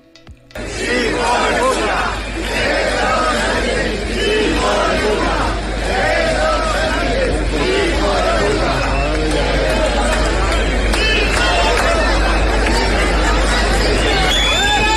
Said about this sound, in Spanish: Hubo silbatina, abucheos, insultos generalizados y eso ocurrió minutos antes de las 11 de la mañana, hora local, en inmediaciones de la Plaza Neptuno. Sánchez arribó al lugar y a su descenso se comenzó a escuchar lo siguiente.